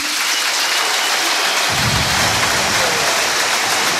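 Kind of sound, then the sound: crowd, stadium applause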